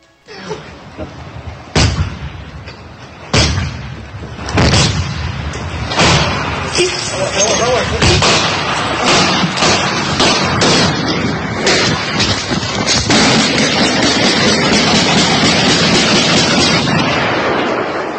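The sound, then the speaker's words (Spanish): Heavy, sharp bangs as security agents strike the door of a building at irregular intervals to open it, giving way to a denser run of loud cracking firearm gunshots, with muffled voices underneath throughout. “Primero se escucha el golpeteo que están realizando los agentes de seguridad para abrir la puerta de este inmueble y de un momento a otro el sonido empieza a mezclarse con detonaciones de arma de fuego.”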